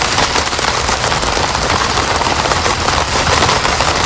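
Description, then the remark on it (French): Steady, dense rain pattering on a tent, a constant crackling hiss of countless drops on the taut fabric with occasional sharper taps, loud and unbroken throughout with no voices. “La pluie sur une tente.”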